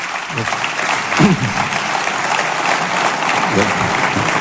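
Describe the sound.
Sustained audience applause in a courtyard (patio) for a speaker honoured as Riojano Ilustre 2026: a dense wash of clapping from many hands, with a few faint voices rising briefly above the crowd noise.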